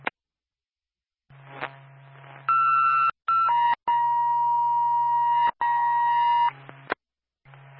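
Ambulance dispatch radio paging tones: a steady high tone held for about half a second, then a long lower tone lasting a few seconds, sounding loud and clear over a faint radio hum, with no talking.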